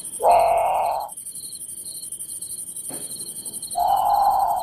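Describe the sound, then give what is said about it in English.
A great potoo gives loud, harsh, wailing bawls, one long call, a pause, then another, over a steady background of insects and crickets buzzing at night. “Okay, so that's the Grand Poutou. It's haunting. It sounds a lot like a very scared bird calling for a parent, in the middle of the night.”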